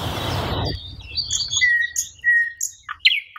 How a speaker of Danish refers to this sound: Nej, jeg tror ikke, det er den. Det er ikke den lyder anderledes. Det er rigtigt. Det var faktisk en nattergal.